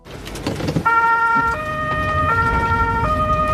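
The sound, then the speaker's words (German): The siren of the Mengen volunteer fire brigade's water rescue vehicle, heading out on an exercise to the quarry lake near Ostrach, a drive of about 12 minutes, sounds loudly, alternating between two tones in a steady hi-lo pattern over the rumble of the moving vehicle's engine. “Die Wasserrettung rückt zur Übung aus. Einsatz am Baggersee bei Ostrach. Etwa 12 Minuten braucht der Einsatzwagen dorthin.”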